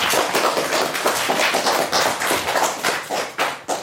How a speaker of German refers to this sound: Applaus für uns alle.